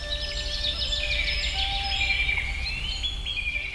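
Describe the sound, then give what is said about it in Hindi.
Several birds chirp and twitter continuously in the morning in overlapping, high-pitched calls, with a steady low rumble of background ambience underneath and no talking. “सुबह पक्षियों के चहचहाने की आवाजें मन को मोह लेती हैं”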